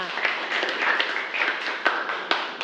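A class of students claps together in a classroom for a classmate after his history presentation, a dense patter of many hands with a few sharper individual claps standing out, moderately loud and steady for a few seconds.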